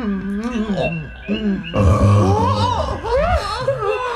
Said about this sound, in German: Nun hat er seinen kleinen Rülpser gemacht. Och, macht ja nichts. Was raus muss, muss raus, sag ich immer.